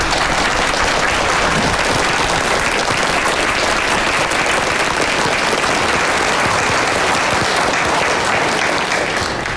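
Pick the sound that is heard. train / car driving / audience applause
audience applause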